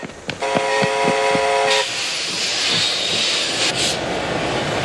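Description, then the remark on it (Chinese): A train whistle sounds one steady, fairly loud blast lasting over a second, over the continuous rumble and hiss of a train from the Soviet Union pulling into the station at Manzhouli, China, carrying the first set of SAM-2 missile equipment, with faint rhythmic clanks beneath. “终于，一列由苏联开过来的火车进站了，车上装的是中国将得到的萨姆二兵器中的第一套。”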